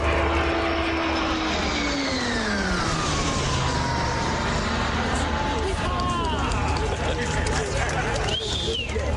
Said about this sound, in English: The high-performance turboprop planes can reach speeds up to 685 kilometers per hour. They're going to become the main training planes for RCAF pilots and also the new ride for the famed Snowbirds.